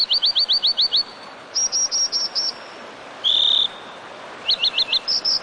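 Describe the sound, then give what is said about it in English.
An American dipper gives high, sharp calls in quick bursts of several notes, with one longer buzzy note between, all over the steady hiss of a rushing mountain stream. “So, if one day, as you muse by a mountain stream, you spot an American dipper bobbing and winking in your direction, don't take it personally.”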